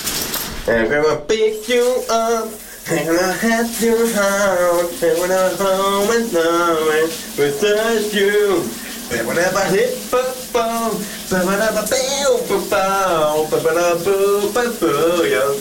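A man sings a bouncy pop melody in long sustained phrases over the steady, loud hiss of a running shower that never lets up through the whole clip.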